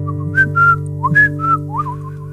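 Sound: person whistling a tune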